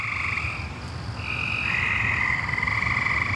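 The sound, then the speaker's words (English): A dense chorus of frogs croaking outdoors at night outside a house, steady pulsing calls layered with high trilling, continuous, with no voices. “I love my frog friends”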